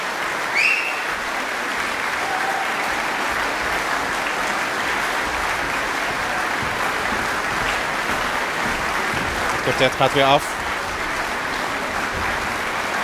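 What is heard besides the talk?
concert audience applauding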